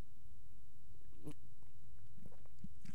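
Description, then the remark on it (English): A single short sip of hot coffee from a mug, a quick wet slurp in an otherwise quiet moment with faint mouth sounds around it and no talking. “Yes, that's what I like right there, that good sip of coffee.”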